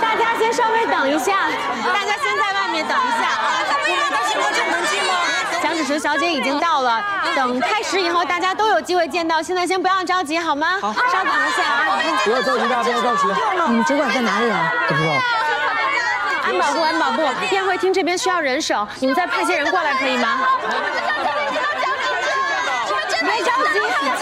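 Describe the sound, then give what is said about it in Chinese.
A dense crowd of many people waiting at an entrance for an event to start, chattering at once, a steady loud hubbub of overlapping voices with no single speaker standing out, filling the space continuously. “今天人真多。”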